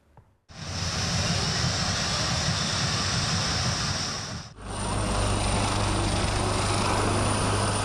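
Fighter jets roar loudly overhead at an air show during an aviation festival in İzmir, a dense, continuous engine rush that surges in, dips briefly midway, then returns with a steadier droning tone.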